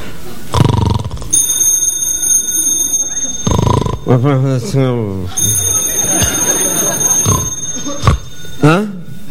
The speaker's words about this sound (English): What was that? What was that? The phone. It's a phone. Who'd be calling me in the middle of the night?